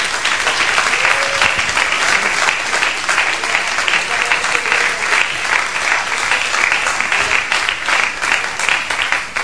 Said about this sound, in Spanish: Denle un aplauso a Cristo, que Él se lo merece.